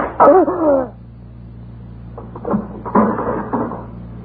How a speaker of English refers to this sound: This door is sticking. Here it is.